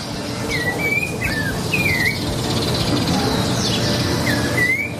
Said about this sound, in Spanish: Nah, pero un pajarito. Un pajarito, dale. Es la naturaleza. Dale, ¿qué empieza querés? A cantar a las 4 de la mañana.